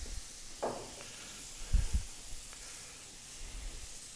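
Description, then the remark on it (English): A steady, bright sizzling hiss of a splash of San Giuseppe white wine hitting a hot pan with anchovies, with a few soft low thumps partway through and no talking. “And then just when it's getting hot to the point where you're worried that it's going to burn, then a splash of white wine.”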